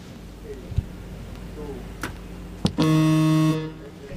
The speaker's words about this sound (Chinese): 几乎是压哨出手啊，蜂鸣器响之前出手就可以。